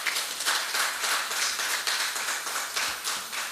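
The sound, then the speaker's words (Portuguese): A crowd applauding at a Mozambican Football Federation meeting, a dense and steady wash of many hands clapping at once, moderately loud and sustained, with no voices over it. “Com a permissão do presidente, peço uma salva de palmas.”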